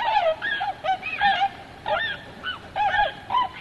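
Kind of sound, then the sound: bird, tundra swan calls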